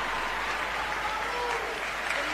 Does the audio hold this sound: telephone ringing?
no